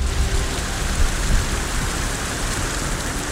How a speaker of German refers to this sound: Heute regnet es immer wieder. Da muss ich aufpassen, dass ich nicht hier gleich am Mikro einschlafe, weil ich diesen Regensound, ich finde das so entspannt.